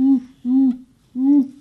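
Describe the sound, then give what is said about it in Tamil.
A school student doing animal mimicry imitates an owl with three hoo calls, two in quick succession and a third after a short pause, each a steady, moderately loud hoot. “இது எனக்கு தெரியுமே, ஆந்தை.”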